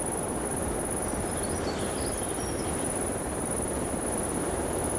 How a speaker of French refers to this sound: Le son aigu de l'insecte et quelques chants d'oiseaux diffus composent ce paysage. Piste forestière.